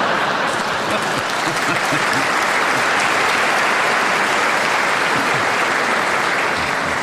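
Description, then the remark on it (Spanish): The audience of a radio program claps steadily for about seven seconds, a dense, loud wash of many hands with no pauses, lots of bright crackle, and no voices rising above it. “Me imagino que los que acaban de aplaudir eso no van a venir mañana.”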